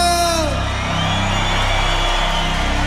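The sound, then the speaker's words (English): A loud, dense wash of concert crowd noise with whoops and yells, steady throughout, while a falling tonal sweep fades out in the first half-second. “crowd make some noise”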